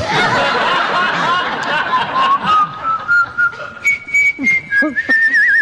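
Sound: person whistling a tune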